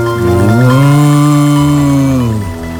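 A single long, low moo from a cow in the distance on a full-moon night swells upward in pitch, holds steadily for a couple of seconds, then sags and fades at the end, with no talking over it.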